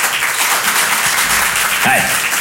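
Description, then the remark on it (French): A comedy show audience claps in answer to a question about who has accompanied a school outing: steady, dense applause that fills the whole stretch at an even loudness, with a brief voice-like call rising over it near the end. “Qui, par applaudissement, a déjà accompagné une sortie scolaire ce soir?”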